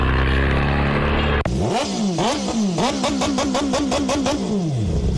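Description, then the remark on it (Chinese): A steady rumble gives way to a loud vehicle engine revved again and again in quick bursts, its self-installed, online-bought modified exhaust roaring and popping, with no talking, during a night police check on noisy modified vehicles at Zhongshan Road and Xiumen Street in Shijiazhuang, China. “把这车再扣了啊！炸机，它是改的排气管，从哪？”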